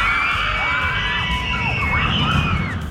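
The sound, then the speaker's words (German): A crowd of people screams together on a roller coaster, many shrill overlapping voices rising and falling over a loud, steady rumble for about three seconds. “Aber warum kreischen wir eigentlich so in der Achterbahn?”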